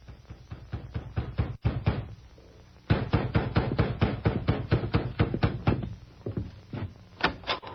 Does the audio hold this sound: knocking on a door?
yes